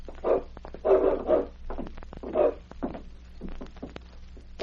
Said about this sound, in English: What about that dog in the back room